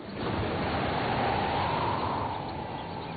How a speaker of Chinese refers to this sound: 晴朗的天气并不太久，没过一会儿，海面上便起了大风，海浪也掀起了巨大的波涛。燕子们在猛烈的海风中艰难地飞行着。